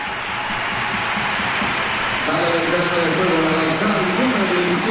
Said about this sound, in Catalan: Lucía Corrales, que agraeix el gest del públic. Abraçada ara amb Sònia Bermúdez. També crec que aquesta ovació no ha donat temps, no?